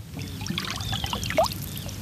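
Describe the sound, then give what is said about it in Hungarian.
Waves of Lake Balaton slosh and splash continuously at the shore in Siófok, Hungary, on a sunny summer Friday morning, a busy watery wash with a brief brighter splash near the middle, with no voices. “Nyár, szikrázó napsütés, Balatonpart, a víz hullámzása.”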